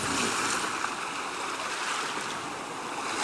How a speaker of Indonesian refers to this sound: Kenapa arus laut kencang sekali? Guru bisa mati tak bawa arus ini.